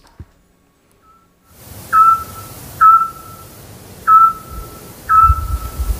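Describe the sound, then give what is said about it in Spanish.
A Eurasian scops owl gives four short, sonar-like whistled notes, evenly spaced about a second apart, clear over a low rumbling background with no talking, heard at 10 at night in the centre of Peñaranda de Duero. “¡Hombre, el autillo!”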